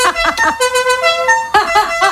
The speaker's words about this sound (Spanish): En aquella época también había gente que le cambiaba el claxon y ponía el sonido de la cucaracha. De tiririri, tiririri.